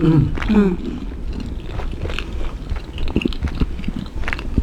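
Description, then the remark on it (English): Crunching as someone bites and chews crisp toasted food, a steady run of brittle, crackly chews with a brief low hum or murmur at the start. “So did you toast the crunch up? Mmm. For a tiny bit of crunch.”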